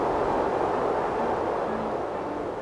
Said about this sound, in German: Da bläst es aber ordentlich. Wind statt Klavier.